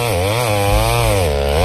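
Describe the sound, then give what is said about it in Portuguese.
A chainsaw engine runs loud, its buzzing pitch rising and falling slightly as the throttle wavers, with no voices over it. “Motosserra, você vai comprar lá com os nossos amigos do Bonifácio.”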